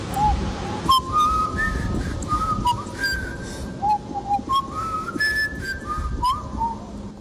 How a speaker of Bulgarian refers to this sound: Още си спомням сигнала, който двамата брата имаха, тази свиркане с уста. Ако искате, мога да ви го изпея, да ви го изпълня.